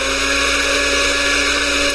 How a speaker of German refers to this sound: Warum läuft denn jetzt der Mixer? Da ist nicht mal was drin. Was soll das denn jetzt?